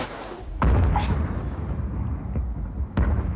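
A sudden deep boom bursts out, followed by a low rumbling roar that lingers, with another sharp thud near the end; heavy, with no voices. A strong bomb explosion outside, after the bomb was thrown out through a window.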